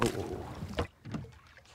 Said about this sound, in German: Nun müssen die Männer für alle Fälle auch noch das können. Rudern.